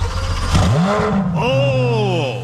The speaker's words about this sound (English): Oh! Oh, you know what that is? Unmistakable growl. The sound of success. Brand new Corvette.